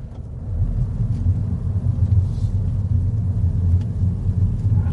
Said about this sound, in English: So, this car, as I mentioned, a little three-cylinder BMW engine powers this internal combustion engine Mini.